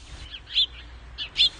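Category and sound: bird, birds chirping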